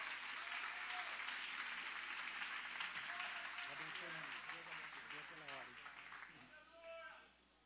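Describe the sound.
A crowd applauds steadily, loud dense clapping that fades over the last seconds, with voices talking and calling out underneath and a brief rising voice near the end.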